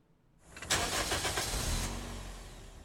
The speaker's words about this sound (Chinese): 今天节目在第一首歌曲呢，这个歌曲的前奏立刻就有一个发动引擎的声音